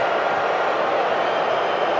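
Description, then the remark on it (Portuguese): A stadium crowd booing at a football match between South Africa and Canada, a dense, steady roar of many voices that holds at full loudness for the whole two seconds with no break or single voice standing out. “Mais vaias. Pode subir o som ambiente do estádio.”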